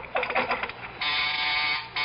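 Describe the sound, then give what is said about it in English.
A harsh, raspy door buzzer drones steadily for about a second, then cuts out and briefly sounds again, preceded by some clattering, rattling noise. No one speaks. “Oh, someone at the door.”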